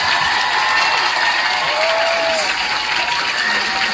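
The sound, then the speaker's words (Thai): A large audience claps steadily and loudly for the full stretch, a dense wash of applause with faint cheering and a brief whistle rising through it, applauding to encourage a young male guest. “ทุกคนขอเสียงปรบมือเป็นกำลังใจให้น้องชายของเราด้วยค่ะ”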